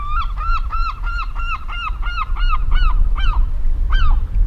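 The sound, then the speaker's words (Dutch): A herring gull calls loudly and close by, a rapid series of about ten ringing, slightly downward-inflected yelps, with the last few spaced out, over a low background rumble. “Er is een zilvermeeuw hier vlak voor ons.”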